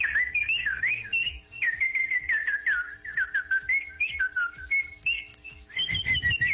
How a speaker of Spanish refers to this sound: Yo no sé chiflar, maestra. Enséñeme clases de chifladología.